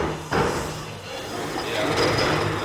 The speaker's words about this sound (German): Die Ensemblemitglieder rücken Stühle in 3 Reihen zurecht für das Publikum.